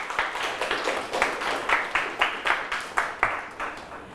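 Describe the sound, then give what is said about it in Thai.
A group of students claps together for a classmate, a dense patter of hands that swells into several louder, rhythmic beats at roughly even intervals before fading out. “สุดยอดมากครับปรบมือให้เพื่อนครับ”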